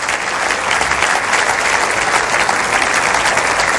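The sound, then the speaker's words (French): A crowd claps steadily to applaud the grace of God, a dense, continuous wash of many hands applauding at an even loudness throughout, with no voices standing out. “La maman et la fille étaient ici ensemble, et ils sont ici avec nous, et on va applaudir la grâce de Dieu.”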